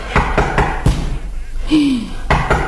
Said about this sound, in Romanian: E cineva la ușă. Stai să vedem să vezi.